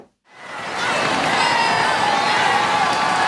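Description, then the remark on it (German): A large crowd of faithful and spectators cheers and shouts in a sustained roar that swells up quickly from near silence and holds steady, with some whistles cutting through, as Pope Leo XIV passes in the Popemobile along the Champs-Élysées in Paris. “Begleitet von euphorisierten Rufen der Gläubigen und der Zuschauer kam Papst Leo XIV.”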